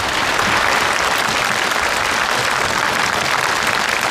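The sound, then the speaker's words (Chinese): Sustained, dense applause from a large audience after a performance of Rachmaninoff's Second Piano Concerto, steady and loud throughout with no pauses or voices breaking through. “再一次热烈的掌声送给孔老师。”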